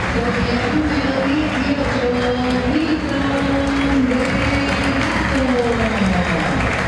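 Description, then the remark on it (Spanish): A big stadium crowd applauds and cheers steadily for several seconds for player Paredes, the most applauded as the players are named, a loud, dense wash of clapping with raised voices ringing through it. “El más aplaudido Paredes.”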